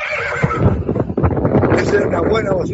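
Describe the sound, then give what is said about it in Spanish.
A vehicle horn, sounded by people weighing wool near Juan José Castro, blares a recorded horse neigh instead of a classic horn sound: a loud whinny with wavering, quivering pitch that carries on for about three seconds without pause. “En vez del sonido clásico del claxon, como decían antes, este tiene relincho.”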